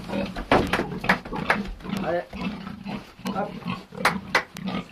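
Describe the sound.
Pigs grunting and snorting in a steady, irregular series of short rough bursts, with squeals and shuffling sounds mixed in, on a farm in Pozieux that raises cows, hens and pigs. Faint human voices may be present underneath.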